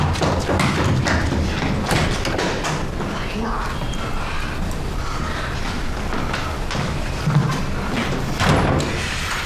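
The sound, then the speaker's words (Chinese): Heavy fists pound a closed door in quick, irregular bursts, loud, the thuds continuing for several seconds with muffled voices mixed in underneath, as someone outside demands that the person inside open the door. “我知道你在里面，你开门。”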